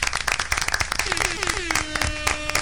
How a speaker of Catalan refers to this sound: I comencem fent un fort aplaudiment en el nostre primer col·laborador del dia,